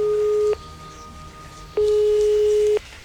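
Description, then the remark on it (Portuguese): A telephone ringback tone purrs through the line while calling a company's phone number: a steady electronic tone sounds, pauses for over a second, then sounds again for about a second, clear and fairly loud with no voices. “Então tomei coragem e liguei para o número de telefone da empresa que ele trabalhava.”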